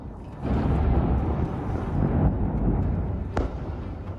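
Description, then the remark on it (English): Explosions in southern Lebanon: a heavy, sustained low rumble like a blast rolling on, broken by one sharp, loud crack near the end, with no voices. “New explosions in southern Lebanon just hours after 11 people were killed in one of the worst attacks by Israel since a US brokered ceasefire took effect.”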